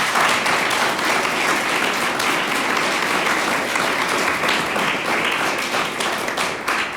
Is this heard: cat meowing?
no